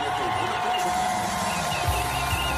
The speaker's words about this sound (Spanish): Así vitoreaban el inicio de la entrevista en Antena 3.